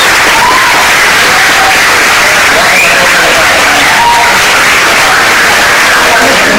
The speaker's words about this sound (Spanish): Así que un aplauso para Benjamín.